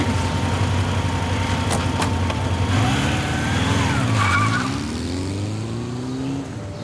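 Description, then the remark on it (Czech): A car engine revs and pulls away, its pitch climbing as it accelerates, then the sound eases off slightly as the vehicle moves away. No one speaks. “Díky za odvoz.”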